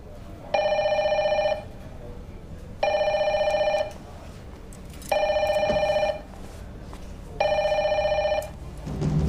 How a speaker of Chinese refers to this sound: 别动，不要乱接别人的电话，要是外遇打来的怎么办？